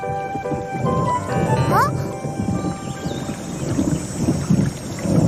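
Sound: thunder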